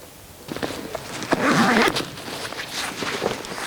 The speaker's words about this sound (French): Ouais, au son des cloches. Là, ça, c'est des brebis du Pays Teuil, donc d'ici. Et elles ont des cloches différentes des miennes, qui sont des brebis basques.